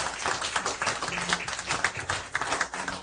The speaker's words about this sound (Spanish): Denle un aplauso al Rey de Reyes que está en este lugar.